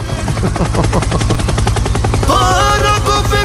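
A loud song plays with a rapid, chopping percussive beat over heavy bass, and brighter melodic lines come in during the last second. No one talks over it.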